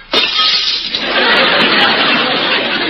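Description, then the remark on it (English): A loud crash of shattering glass starts abruptly and keeps going as a dense, bright clatter of breaking pieces for about three seconds, with no voices. “Well, I can usually break a glass by singing.”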